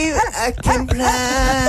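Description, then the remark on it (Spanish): A dog whimpers and yips, a quick run of high, wavering cries rising and falling several times in under two seconds, loud and nearly continuous. “El perro ya está vagando, ¿no?”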